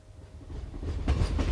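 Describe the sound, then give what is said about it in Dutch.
A train approaches along the tracks, its low, heavy roar building steadily louder with a faint rhythmic clatter of wheels on rails. No voices are heard. “Dan hoor je die trein aankomen.”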